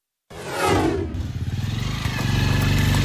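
car engine revving

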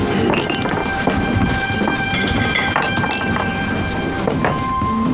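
glasses clinking

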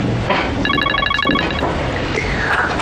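telephone ringing

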